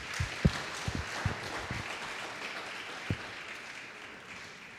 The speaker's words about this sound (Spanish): Denle un fuerte aplauso al Señor.